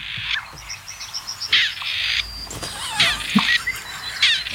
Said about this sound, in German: Ich finde nach wie vor, dass das Rebhuhn klingt wie ein uraltes Telefon mit Wählscheibe. Oder?